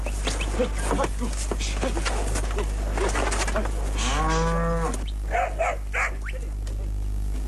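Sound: beef cattle mooing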